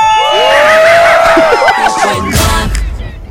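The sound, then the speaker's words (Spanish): A recorded shout sound effect: a burst of overlapping shouts and whoops from a crowd, loud, with rising and falling yells layered together for a few seconds before fading into a noisy rumble. “Adelante con el efecto. ¡Y venga ese grito!”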